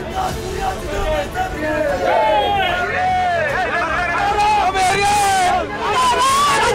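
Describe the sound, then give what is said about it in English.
A crowd of upset supporters of Siddaramaiah, breaking down outside as he resigns as Chief Minister, many voices shouting and crying out over one another in a loud, continuous hubbub, with wavering high-pitched wails rising and falling throughout. “Outside, his supporters broke down.”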